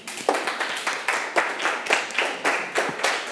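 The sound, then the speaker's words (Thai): A group of students in a lesson on fractions clapping for a classmate asked to come out and show the answer, in a steady, fairly quick rhythm, the sharp claps landing in even beats. The clapping is loud and continuous, with no voices over it. “นักเรียนครับขอตัวแทน1คนในการออกมาเฉลยให้กับเพื่อนๆทางปลายทางได้ดูว่าเรามีวิธีการคิดยังไงครับหาออกมาได้เลยครับปรบมือให้เพื่อนได้ครับ”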